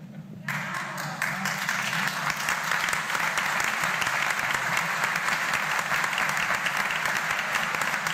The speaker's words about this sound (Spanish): Y esos aplausos que sirvan para rezar por los curas.